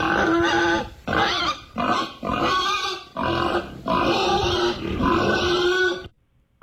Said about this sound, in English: A pig. Exactly. It was a pig. Perfect. It wasn't a dog snorting.